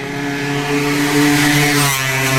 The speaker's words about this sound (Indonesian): Kalau saya nggak spontan ngedorong, Ibu bisa keserempet motor yang laju tadi loh, Bu.